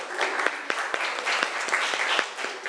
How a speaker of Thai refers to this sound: เรามาดูการนำเสนอของกลุ่มที่4กันต่อครับขอเสียงปรบมือให้กลุ่มที่4ครับ